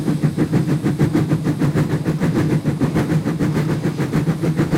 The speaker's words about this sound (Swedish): Jag tog med några ljudburkar så ni får höra. Så här låter ett gammaldags tuff-tuff-tåg.